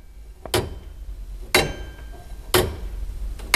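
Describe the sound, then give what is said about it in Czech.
An astronomical clock (orloj) mechanism, driven by three weights on eight chains, ticks steadily, with four loud, sharp metallic clacks about a second apart. Each rings briefly over a low mechanical hum, with no voices. “Orloj budete uvádět do provozu jen při speciálních příležitostech?”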